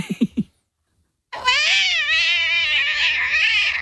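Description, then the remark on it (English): A voice imitates a cat slipping over and tumbling down stairs: three quick low bumps, a brief pause, then a long, loud, wavering yowl that trails on. “What about a cat that slips over and falls down the stairs?”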